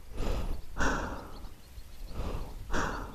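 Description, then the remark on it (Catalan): Rapid, heavy breathing of a woman hiding in the shadow of a stone tunnel's outer wall with a gas mask ready, four loud breathy inhales and exhales in quick succession, with no voices over them. “Jo estava amagada a l'ombra de la paret exterior del túnel, amb la màscara antigàs preparada, sentint la meva pròpia respiració accelerada.”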